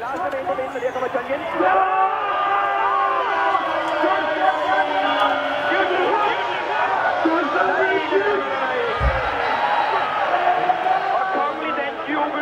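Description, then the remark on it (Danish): A large football crowd watching Denmark play roars and chants from afar, heard from a balcony, a steady, dense wash of many voices with rising and falling swells that continue unbroken for the whole clip. “Men Marco er gået ud på altanen. Og derfor hører vi den legendariske lyd sådan lidt på afstand.”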